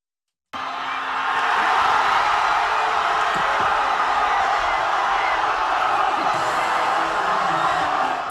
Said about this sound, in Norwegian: I hovedstaden Madrid var det vill jubel i gatene da kampen var over.